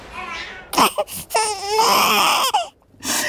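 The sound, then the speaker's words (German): A newborn baby girl cries in short, wailing bursts with strained, wavering pitch, loud, broken by brief gasps and pauses between cries. “Papa, ist es da? Ich hab's gehört.”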